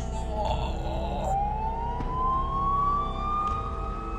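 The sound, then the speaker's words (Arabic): Police and ambulance sirens wail steadily, the tone sweeping slowly upward, over a constant low rumble of traffic or engine noise, as police and an ambulance arrive at a crime scene. No one speaks. “في تواتر هالأحداث الشرطة خلطت ومعها الإسعاف، هزوا بو ميشيل للسبيطار والأم للمورغ”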